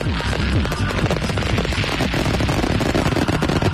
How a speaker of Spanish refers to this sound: con el broche final de oro, con los fuegos artificiales tradicionales que ponen ese punto y final